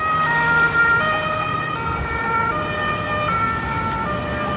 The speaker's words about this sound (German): Weil man fragt sich dann schon irgendwie, was ist hier los? Warum ist hier immer so viel Blaulicht und Sirenen?